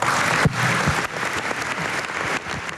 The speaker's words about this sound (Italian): Bene, questo è l'applauso dell'aula.